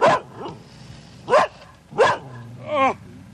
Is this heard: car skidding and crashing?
no